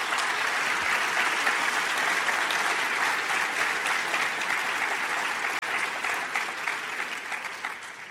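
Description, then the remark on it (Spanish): An audience applauds the people of this town, a dense wash of clapping that stays loud and even throughout before easing slightly toward the end. “Denle un fuerte aplauso a las personas de este pueblo.”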